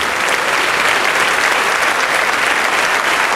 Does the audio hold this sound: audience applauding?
yes